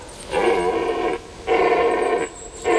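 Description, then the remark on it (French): A stag bellowing at night by moonlight in long, drawn-out roars, two full calls followed by the start of a third, each loud and raspy with a steady, droning pitch and short pauses between. “voilà qui se met à hurler. Il a pas l'air commode, l'animal.”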